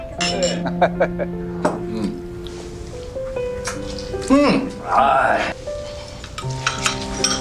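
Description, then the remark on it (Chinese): Several glasses clink together in quick succession in a New Year toast, their bright ringing tones lingering and overlapping, while voices cheer "Happy New Year" and "cheers" at a lively gathering of two families. “我提议咱们干一杯。 新年快乐啊！ 新年快乐，新年快乐。 干杯，干杯，干杯。”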